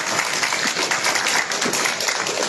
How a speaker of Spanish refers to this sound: Fuertes aplausos para él.